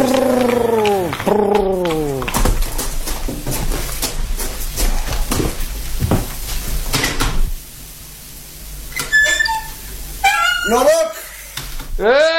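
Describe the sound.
A man hiccups repeatedly, with sharp, abrupt catches of breath breaking up strained voiced sounds. Fairly loud, with a few quieter vocal noises near the end.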